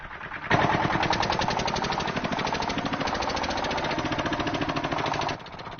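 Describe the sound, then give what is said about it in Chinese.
A tractor engine runs loud, a rapid, steady chugging rhythm that kicks in after a brief moment and cuts back down near the end, with no talking. The tractor leads free-range chickens on their twice-daily walk, and the chickens follow it. “现在溜达鸡已经养成习惯，听见拖拉机的声音，条件反射就会跟着跑。”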